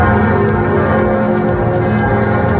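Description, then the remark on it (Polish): Church bells ring across Paris in a dense, continuous peal, welcoming Pope Leo XIV at the start of his four-day visit to France, their overlapping tones clanging steadily with repeated strikes, loud and reverberant as if filling a wide open space. No voices are heard. “Na początek Paryż, ich symboliczne powitanie dźwiękiem dzwonów, które rozbrzmiały w całej francuskiej stolicy.”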